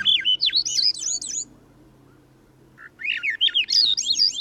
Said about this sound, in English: The song of a Swainson's thrush spirals upward as we begin a hike in the mountains of the West. The trail leads from a riverside forest in the lowlands, and as we walk, bird voices ring out.